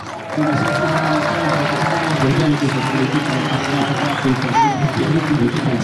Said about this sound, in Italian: Oggi la maggior parte degli applausi sicuramente va ai due lottatori di qui, quelli che si allenano nella palestra